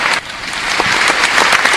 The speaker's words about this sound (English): And another applause for Prime Minister Brown. And another applause for Radio Land.